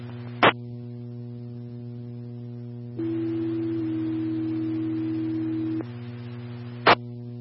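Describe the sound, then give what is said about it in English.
A steady pair of fire dispatch paging tones alerting Aztec Fire to a commercial fire alarm at 2700 Pepsi Way, one held pitch stepping into another for about three seconds, over a constant radio hum, framed by sharp keying clicks at the start and end. “Aztec Fire, tones for a fire alarm at 2700 Pepsi Way.”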